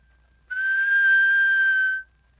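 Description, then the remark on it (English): A single steady mouth whistle held on one clear, even pitch for about a second and a half, fairly loud, with no talking around it. “The plain whistle.”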